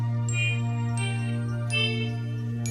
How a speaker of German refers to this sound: Und Achtung, Glockenspiel, jetzt.